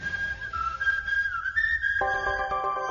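A person whistles a short, wavering melody with no talking, and at the end a brighter, steadier tune takes over, like music joining in.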